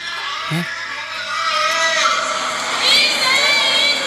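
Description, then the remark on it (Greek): A crowd of about 37 young people, around 20 years old, sitting on a sidewalk, shouts and chants together for hours in a dense, continuous roar of overlapping voices, fairly loud and steady, swelling slightly near the end. “Τράβηξα βίντεο. Κάθανε εκεί και φωνάζανε με τις ώρες.”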